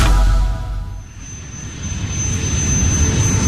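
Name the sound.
airplane engine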